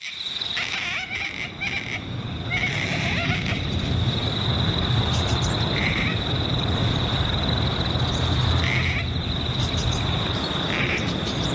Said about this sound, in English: This is the gangang cockatoo.